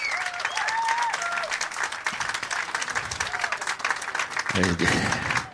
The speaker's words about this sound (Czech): Jako jestli budete takhle dlouho tleskat, tak přetečeme normálně, to by bylo průšvih.